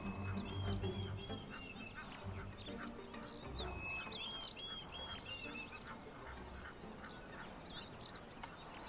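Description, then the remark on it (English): A flock of crowned sandgrouse calls steadily, overlapping chuckling and clucking notes, with a constant busy chorus and no talking. “The crowned sand grouse may initially seem like an inconspicuous bird found in the rocky deserts and semi-deserts of North Africa.”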